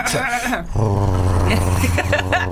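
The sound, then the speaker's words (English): A person imitates a dog growl: a brief rising vocal whine, then a sustained low, rumbling throaty growl held steadily for about two seconds, fairly loud. “Exactly, and you got to find that pitch to growl as well because sometimes you start growling, it's not quite, you're like, and then you go.”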